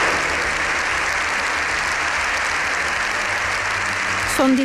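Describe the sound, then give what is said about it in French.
A standing ovation in the Spanish Congress of Deputies lasting over seven minutes after a half-hour speech: a dense, even wash of clapping that holds at the same loud level throughout, with a brief voice surfacing near the end. “Son discours d'une demi-heure s'est achevé par plus de 7 minutes d'applaudissements.”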